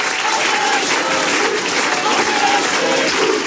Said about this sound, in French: Ce que vous distinguez là dans la foule, c'est le cri « On est chez nous », un cri qu'on entend d'habitude du côté du RN, voire même du Front National d'avant.